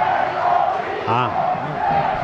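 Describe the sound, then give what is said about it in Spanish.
A stadium crowd at El Collao roars steadily during an Alcoyano match against Cieza, and midway a loud massed shout of "Deportivo" rises and falls as home fans chant encouragement after a shot by Loren, then the dense crowd noise continues. “Deportivo, grita el Collao.”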